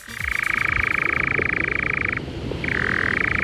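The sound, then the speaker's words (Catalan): A European nightjar, called enganyapastors in Catalan, churring at dusk: a loud, steady mechanical trill that runs for about two seconds, breaks off briefly, then starts again, with no voices over it. “És un ocell, és un ocell que es diu enganyapastors.”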